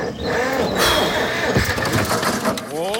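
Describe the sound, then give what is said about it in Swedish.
A tractor engine cranks and sputters as it tries to start, sounding loud and running continuously for about three seconds, with a rising whine near the end. “Kramp har marknadens bästa sortiment till traktorer. Så snart är du startklar igen.”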